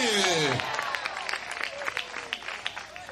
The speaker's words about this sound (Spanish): ¿Cuántos alaban al Señor en esta hora? De repente ese aplauso al Cristo de la gloria, a su nombre.